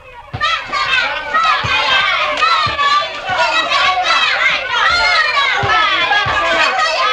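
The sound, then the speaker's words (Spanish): A lively crowd of children playing football on a small local field on a sunny morning, shouting and calling out, with dense overlapping voices, excited cries, and a few dull thumps like a ball being kicked. “Del espectáculo de los niños jugando al fútbol en el campito.”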